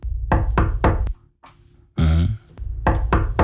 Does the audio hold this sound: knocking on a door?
yes